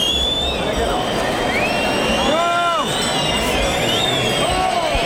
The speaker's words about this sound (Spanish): Ahora los gritos se incrementan. Oreja, y concede la oreja en el último momento. Oreja para Sebastián Castella.